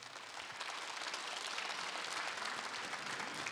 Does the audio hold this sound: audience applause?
yes